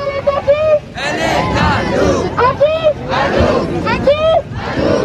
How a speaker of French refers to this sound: Des fumigènes émettent un panache noir de fumée, des pancartes sont brandies et des slogans clairs adressés au CRS.